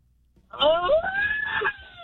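A single loud, drawn-out scream from a person celebrating his birthday, rising in pitch and then holding a high, strained note for about a second before cutting off, with no other talking.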